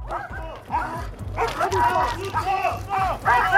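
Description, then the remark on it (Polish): A police patrol dog barks loudly and repeatedly, quick gruff woofs in an agitated rhythm, during a training exercise on the railway for police and Railway Protection Guard dogs in Łódź, with voices and a low rumble in the background. “W szkoleniu uczestniczyły również psy Straży Ochrony Kolei.”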